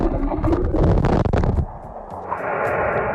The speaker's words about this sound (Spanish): Fijaos, esto que escucháis es el sonido del motor de un buque percibido desde el fondo del mar.